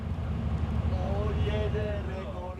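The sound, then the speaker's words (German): A long-distance rail-replacement bus rolls along a road across Spain on a roughly 1000-kilometre trip from Barcelona to Malaga, its engine and tyres making a steady, heavy low rumble that stays loud throughout, with a faint voice rising and falling over the drone. “Rund 1000 Kilometer mit dem Bus von Barcelona bis nach Malaga.”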